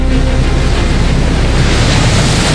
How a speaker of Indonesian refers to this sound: Kak, kenapa tiba-tiba angin kencang sekali ini?